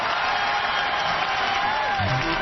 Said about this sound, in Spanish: Así que, como dice uno de los mejores artistas de nosotros, un aplauso para mami y papi porque en verdad rompieron.